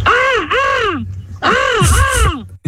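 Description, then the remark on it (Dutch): A person imitates a crow or raven with four loud, drawn-out, rasping caws in two pairs, each call rising and then falling in pitch. “Volgens mij ga ik een kraai nadoen of een raaf.”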